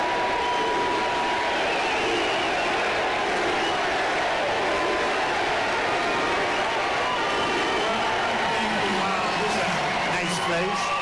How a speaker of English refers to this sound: He's walking up to the microphone now. Get a USA chant.